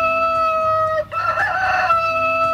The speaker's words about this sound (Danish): Ja, den her hane er sådan en lille smule på speed, vil jeg sige.